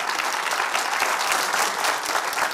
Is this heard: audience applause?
yes